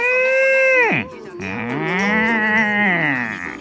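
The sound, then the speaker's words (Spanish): A cow moos loudly, one short steady call followed almost at once by a longer, wavering low that rises and falls before trailing off. “La vaca.”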